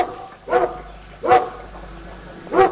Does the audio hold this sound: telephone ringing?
no